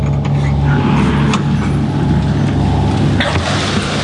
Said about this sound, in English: And that strange noise is the sound of little trotters dashing towards the door. There'd be 230 in this little pen here.